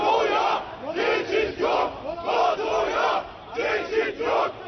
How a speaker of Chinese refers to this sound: 与此同时，在北约峰会召开前夕，在土耳其伊斯坦布尔和安卡拉两大城市，五日均出现反北约示威活动。在首都安卡拉，大批示威者走上街头，高举反北约标语，并高喊北约此路不通的口号。